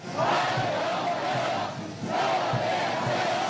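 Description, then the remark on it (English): A crowd of schoolchildren in humid Beijing, China, cheers and shouts a warm welcome in high, excited voices as US President Donald Trump arrives on the airport tarmac; a sustained loud roar that dips briefly and then swells again in a second wave of chanted welcome. “Donald Trump stepping into a humid Beijing to the cheers of schoolchildren shouting warm welcome.”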